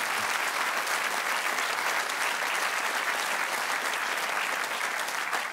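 An audience claps steadily, a dense wash of many hands that holds at a constant loudness for several seconds with no voices rising above it.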